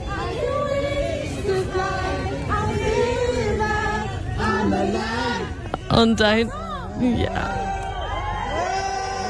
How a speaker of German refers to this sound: Absoluter Ausnahmezustand in Paris. So kann man das sagen, ja. Die Fans singen sogar für sie.